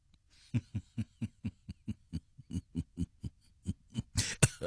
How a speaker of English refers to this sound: I was doing the evil laugh. I must stop doing the evil laugh. Now I'm coughing now.